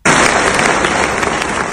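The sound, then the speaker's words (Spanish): A crowd applauds loudly at an institutional university ceremony as rector Lluís Serra presents a bouquet of flowers to the Student Council, dense overlapping clapping forming a steady, even roar of hand claps with no voices over it, holding at full strength throughout. “Son los aplausos que se han escuchado en ese acto institucional cuando el rector Lluís Serra ha hecho entrega de un ramo de flores al Consejo de Estudiantes en recuerdo de Claudia Tacoronte, la universitaria gran canaria asesinada en México”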